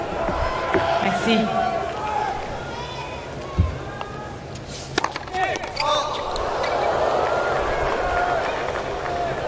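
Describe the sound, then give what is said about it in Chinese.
A ball pops off a tennis racket in a few sharp, quick knocks and flies high, during a tiebreak in a tennis match, heard over a steady crowd murmur with commentators talking in the background. “哇，这个球在球拍上弹了一下，飞得这么高。”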